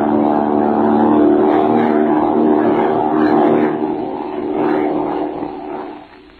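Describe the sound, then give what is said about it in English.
A loud, steady propeller-plane engine drones on without a break, its rough hum holding at a constant pitch before gradually fading toward the end; the plane is flown by pilot Bill Thaw, 'the Iron Man'. “And that was the way the Iron Man Bill Thaw flew a plane.”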